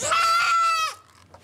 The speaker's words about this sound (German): Was da so schreit, ist das Zicklein der soeben behandelten Mutter. Sie soll so schnell es geht zu ihr zurück.